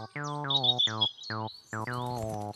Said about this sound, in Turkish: Serçe de değil, karga da. Ne? O bir kara tavuktu çocuklar.